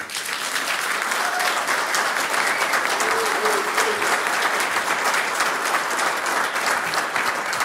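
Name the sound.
audience applause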